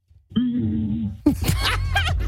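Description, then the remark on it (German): A voice imitates the roar of a T-Rex: a deep, rumbling, low sustained growl lasting about a second, followed by a burst of noisy, breathy vocal sounds that could be laughter. “hat nämlich mal ganz kurz auch gezeigt, wie der T-Rex wohl geklungen haben soll”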